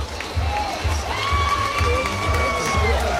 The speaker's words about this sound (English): Crowd giving him a round of applause and a hat tip, and it's worth it.